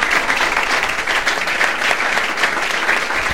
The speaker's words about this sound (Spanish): Un aplauso para esta linda pareja, que Dios los bendiga.